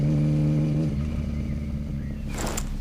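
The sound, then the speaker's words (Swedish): A motorcycle engine throbs loudly as a man climbs on and rides off on a Friday morning in July 1966, clouds partly shading the sun. It revs with a deep, rumbling drone and a shifting pitch as it pulls away, ending in a brief burst of rattling noise. “hoppar upp på sin motorcykel och åker iväg.”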